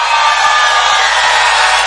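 A large crowd screams and cheers in a loud, sustained roar, a dense wall of high-pitched shrieks and yells that stays steady for about two seconds without any single voice standing out.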